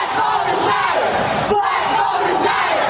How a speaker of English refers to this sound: Protesters gathering under the Gold Dome this summer against the redrawing of congressional maps.